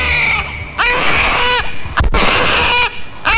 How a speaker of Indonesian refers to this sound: Tangis sang bayi memecahkan keheningan di hutan belantara. Tampaknya perempuan tua tersebut melahirkan seorang bayi laki-laki dan diberi nama Kueya.